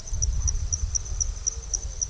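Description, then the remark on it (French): Steady, evenly spaced high-pitched insect chirps pulse about four times a second over a low rumbling background: insects calling at night in the Sahel during the wet season, with no voices. “Et maintenant, la nuit, on entend surtout des insectes.”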